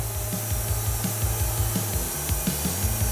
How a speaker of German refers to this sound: Drin ist die Geräuschkulisse krasser als gedacht. Ohne Gehörschutz geht hier nichts. Ah ja. Jetzt? Stille. Und danach geht's los. Säge an und Vollgas.